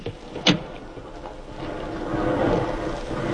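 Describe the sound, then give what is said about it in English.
A car engine runs with a steady, hissy rumble, broken early by one sharp clack, then the low drone swells and churns as the vehicle slows to a stop at a hut 4 miles from the front line, as far as it can drive. “I suppose this hut is as far as we can drive, Sergeant.”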